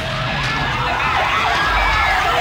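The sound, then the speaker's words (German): A wailing alarm siren effect, added to a song in the 1990s, rises and falls repeatedly, riding loudly over a steady, deep bass-heavy musical backing with no voices. “In den 90ern hat der gleich mal Alarmsirene draufgekriegt.”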